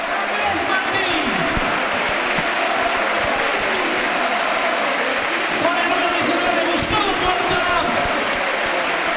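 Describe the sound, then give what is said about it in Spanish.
A stadium crowd applauds steadily and loudly for several seconds, a dense wash of clapping with cheers and shouts rising through it, sending off a player who is leaving the pitch. “vamos a escuchar cómo despide el sardinero a un hombre que igual está ante su última vez.”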